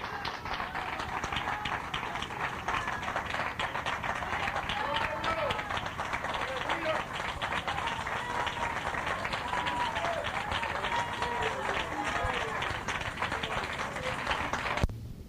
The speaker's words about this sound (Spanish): Bueno, pues otro aplauso al Señor, hermanos. ¡Gloria a Dios, gloria a Dios! ¡Gloria a Dios, gloria a Dios!